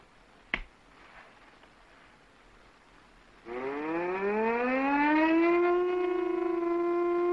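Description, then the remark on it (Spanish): A sharp click sounds near the start, then an air raid siren winds up, its loud, rich tone rising in pitch before holding a steady, sustained wail to the end. “¿Qué ocurre? Un ataque aéreo.”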